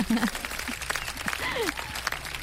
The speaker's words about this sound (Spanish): Unos aplausos también. Si no, orgánicos, ¿eh? Orgánicos por acá.